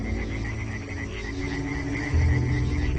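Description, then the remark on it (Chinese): A dense chorus of European tree frogs croaking continuously at nightfall in warm, rainy spring weather, calling to mate, many overlapping rapid calls forming a steady pulsing din, fairly loud, with no speech. “对于这些欧洲树蛙来说，现在气候温暖，雨水充沛，不做点什么似乎会辜负了这好时节。”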